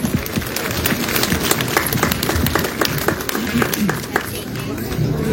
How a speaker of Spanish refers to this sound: Palmas para Jesús, hermano.